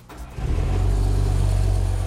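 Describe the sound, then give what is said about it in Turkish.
A twin-carburetor engine rumbles at a steady idle after its idle screw has been adjusted, ready for balancing the two carburetors; a deep, even drone fills in abruptly after a brief quiet moment and holds without revving. “Rölanti vidası ayarlandığına göre şimdi motora ve her şeyi dengelemeye başlayabiliriz.”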